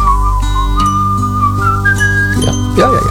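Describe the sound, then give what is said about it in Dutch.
Someone whistles a steady, wavering melody, loud and clear over a song playing underneath, the tune sliding gently between notes throughout. “fluit er ook aan.”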